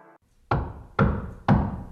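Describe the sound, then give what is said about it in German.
Three loud hammer blows, made by the team of Antenne Wiesbaden, land evenly, about half a second apart, each a sharp, heavy thud that rings out briefly before the next strike. No one speaks. “Hör mal, wer da hämmert.”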